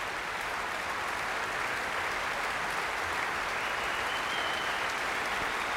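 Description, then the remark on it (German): Sustained, dense applause from a large concert audience in the Musik- und Kongresshalle Lübeck at the Schleswig-Holstein Musik Festival, after Beethoven's Sixth Symphony, as Paavo Järvi returns and asks everyone to stand; steady and even throughout with no pauses and no voices rising above the clapping. “Viel Applaus.”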